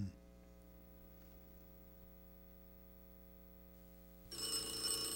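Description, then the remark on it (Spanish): A steady electrical hum fills most of the stretch, then a loud, bright telephone bell suddenly starts ringing near the end. No one speaks. “conteste ese teléfono.”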